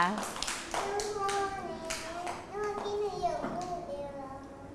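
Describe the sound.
A group of children clap together in quick, uneven bursts of applause, close and fairly loud, with high childish voices chattering over the clapping throughout.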